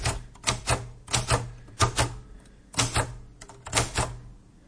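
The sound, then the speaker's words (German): Keys of a Cotessa 2 Deluxe typewriter clack in quick bursts of a few strikes each, separated by brief pauses, with a low mechanical hum underneath; fairly crisp, no voices. “Ich habe jetzt eine Schreibmaschine vor mir.”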